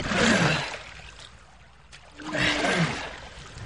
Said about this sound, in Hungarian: Tovább beveznek a nyílt tengeren.